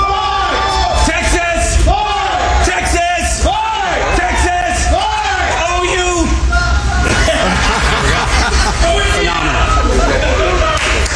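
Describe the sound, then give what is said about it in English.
A large crowd at the Texas state fair shouts "Texas!" back in unison in response to a cue, a loud, sustained roar of many voices with rhythmic swells of chanting over constant hubbub and babble. “I'll give you the cue. You give me a response.”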